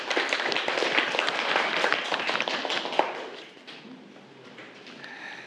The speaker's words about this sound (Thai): ที่เพื่อนตอบมาก็ถือว่าถูกต้องแล้วก็เก่งมากเลยครับนักเรียนปรบมือเพื่อนอีกครั้งหนึ่งครับ